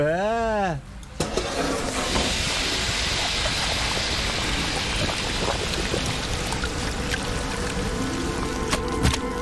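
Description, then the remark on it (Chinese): A pot of mianfeizi (lung stuffed with flour batter) stews for nearly an hour, with steady bubbling and a soft hiss of steam, continuing fairly loud after a brief rising tonal sweep at the very start. “炖煮近一个小时，硕大饱满的面肺子出锅，滋味敦厚，口感粉糯。”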